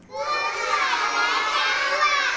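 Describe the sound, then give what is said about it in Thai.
A group of children shout answers loudly together during a class activity, a dense, high-pitched burst of overlapping young voices that stays at a steady, energetic level for a couple of seconds. “โอ้โหเด็กๆตอบกันเสียงดังเลยใช่ไหมคะเพราะว่าเป็นกิจกรรมที่เด็กๆชื่นชอบนั่นเองค่ะ”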